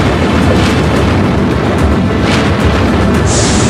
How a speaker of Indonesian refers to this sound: Lalu petir dan gemuruh terlihat dari kejauhan.